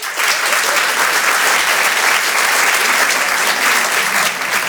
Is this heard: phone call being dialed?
no